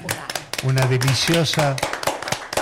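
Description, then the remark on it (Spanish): A burst of applause, many hands clapping in a dense, crackling patter, with a voice calling out over it midway before the clapping thins toward the end. “Eso merecería un aplauso.”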